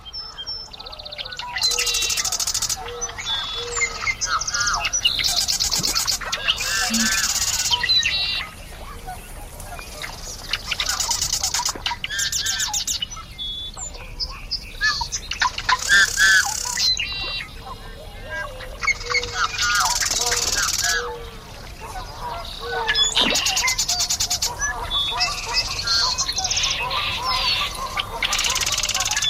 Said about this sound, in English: Now to listen as the sunlight weakens, the insects emerge, and the birds sing their goodnights before the frogs take over for the evening.